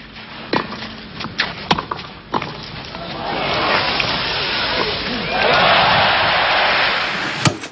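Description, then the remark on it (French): A few sharp knocks, like tennis ball strikes, ring out before a crowd's cheering for Borg at the 1980 Roland-Garros final swells into a loud, sustained roar of applause that grows even stronger toward the end, with faint voices mixed in. “Les acclamations pour Borg, héros de Roland-Garros.”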